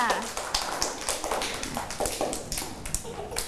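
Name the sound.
hands clapping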